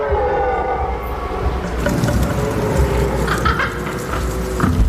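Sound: red deer stags roaring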